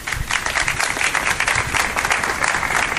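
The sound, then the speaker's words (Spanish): A crowd at the town hall of Antequera, Andalusia, breaks into steady, sustained applause ending a minute of silence, many hands clapping together with a dense, even patter throughout, no voices standing out. “Con estos aplausos se ha roto ese minuto de silencio en el Ayuntamiento de Antequera.”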